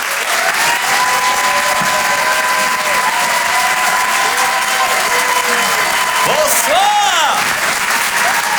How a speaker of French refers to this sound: Merci d'applaudir et d'accueillir Karim Duval.